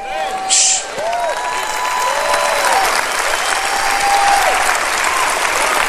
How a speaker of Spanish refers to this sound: Oh, vamos a aplaudir su grandeza. Vamos a aplaudir su grandeza. Aplauda su grandeza. Aplauda su eternidad.